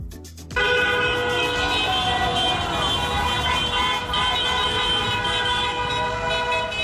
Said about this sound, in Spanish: En la costa también los claxons de los vehículos no dejaron de sonar durante horas y horas y horas, mientras decenas de coches se estaban recorriendo las principales calles de la ciudad con banderas de España, ondeando por las ventanillas.